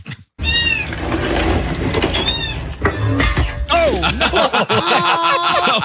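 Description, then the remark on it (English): A person imitates a cat at the start of a video, letting out drawn-out, wavering meows that rise and fall over nearly six seconds. The meowing is loud, with steady background noise underneath. “You hear me meowing.”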